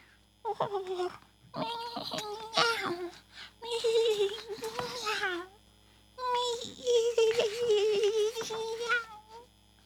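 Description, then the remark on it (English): A cat meows repeatedly in drawn-out cries with rising and falling pitch, coming in several bursts separated by short pauses, with a longer wavering stretch near the end. “Curious kitty.”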